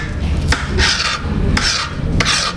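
Onions being chopped with a knife: a few sharp knocks on a cutting board, each followed by a brief rasping, scraping stroke, over a low steady hum with no talking.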